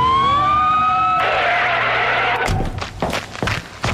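A police patrol car siren winds up in a rising wail and holds loud as the car heads to a call about suspicious activity at the Dépanneur du Lac convenience store, then cuts off into a burst of rushing noise and a run of sharp, choppy bursts.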